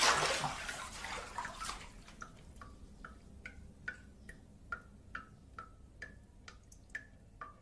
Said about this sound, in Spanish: mientras el grifo enfocado en primer plano gotea incesantemente.